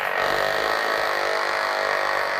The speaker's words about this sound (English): The electrodes are wired up to a plastic box outside the tank. It's an amplifier with a speaker, so we can hear the electrical discharges. And now we can put on the speaker. Okay. And then you can hear it.